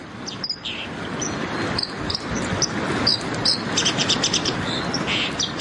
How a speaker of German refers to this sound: Sie können Ihren Favoriten wählen und ich spiele Ihnen mal ein paar Stimmen vor, damit Sie wissen, um wen es geht. Es geht zum einen um diesen Vogel, die Wasseramsel.